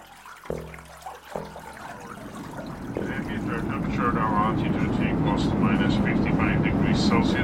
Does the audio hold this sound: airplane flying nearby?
yes